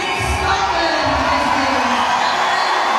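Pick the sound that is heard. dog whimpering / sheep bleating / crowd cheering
crowd cheering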